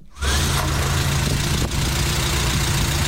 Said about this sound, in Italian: Stiamo mettendo in moto la Renault 4 che posizioneremo qui all'esterno, con all'interno durante tutta la fase della trasmissione.